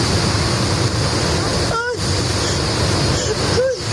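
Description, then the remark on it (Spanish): A loud, unbroken roar of floodwater rushing through the town of Madrigueras, Albacete, Spain, sweeping away cars and bins, fills the whole recording, with a couple of brief voiced cries or exclamations rising over the torrent. “Este es el sonido que se lleva, el sonido del agua que se lleva por delante coches y contenedores y todo lo que encuentra a su paso por la localidad de Madrigueras.”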